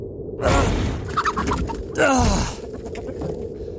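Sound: rooster crowing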